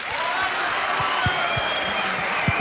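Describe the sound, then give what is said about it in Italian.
An audience claps together in steady, dense applause for a psychotherapist guest, a continuous wash of hand claps at moderate volume with some low thumps mixed in, without any talk. “Io credo sia il vostro Beniamino, penso se lo meriti un applauso.”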